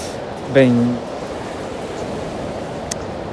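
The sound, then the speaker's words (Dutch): A steady, even wash of sea surf fills the scene from start to finish, with a brief harmonic vocal-like call rising above it near the beginning. “nu moet je de zee wel leuk vinden.”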